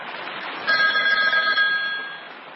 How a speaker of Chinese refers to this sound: 就在这时电话铃响了，电话是刘汝明从蚌埠市内打来的。